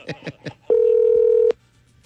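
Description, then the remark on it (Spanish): A phone number being dialed to call a young woman: three quick keypad beeps in a row, then a loud, steady electronic tone holding for almost a second before cutting off with a click. No one speaks. “¿Llamamos a la muchacha? Llámale de una.”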